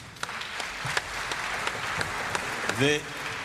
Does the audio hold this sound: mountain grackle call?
no